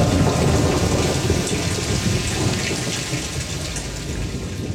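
Heavy, steady rain pours down in a dense hiss while a low rumble of thunder rolls underneath, loud, with no voices throughout.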